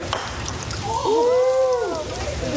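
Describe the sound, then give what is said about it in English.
Steady rain hisses outdoors in a continuous wash of patter on a Saturday morning at the state capitol building in Juneau, Alaska, while a man briefly calls out with a rising and falling cheer midway through as his sister hits a croquet ball. “cheers on a rainy Saturday morning as his sister hits a croquet ball at the state capitol building in Juneau.”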